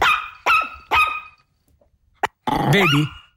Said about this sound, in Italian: È lui. Quel cagnolino. Questo è lui, sentite.